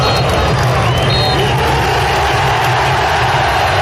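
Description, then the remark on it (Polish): A stadium crowd cheers loudly after the final whistle as Wisła Kraków beat Chrobry Głogów 2-0 to win promotion to the Ekstraklasa, a steady, dense roar of many voices with no pauses or breaks, holding its level throughout. “Wczoraj wygrali z Chorobrym Głogów 2-0, a po końcowym gwizdku nastąpił wybuch radości na stadionie.”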